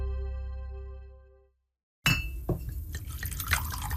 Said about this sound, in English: The sound of whiskey pouring into a glass. It's the best sound in the world.